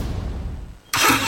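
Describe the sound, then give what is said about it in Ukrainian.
A car engine rumbles low for a moment, then bursts into a loud, sudden revving roar that holds for the last fraction of a second, forceful. “Газуємо!”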